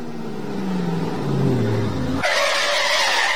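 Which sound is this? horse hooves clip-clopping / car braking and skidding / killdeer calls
car braking and skidding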